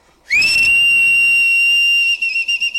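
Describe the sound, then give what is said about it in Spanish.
A person whistles one loud, steady high note, held for about two seconds before breaking into a few short wavering bursts. The whistle is clear, with no talking. “Vamos a ver. Ahí te va este chiflido.”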